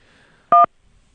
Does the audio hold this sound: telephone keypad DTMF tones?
yes